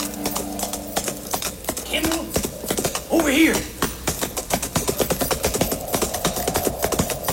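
Rapid, rhythmic hoofbeats of a galloping horse drum steadily throughout, loud, with a brief vocal-like sound or whinny mixed in near the middle.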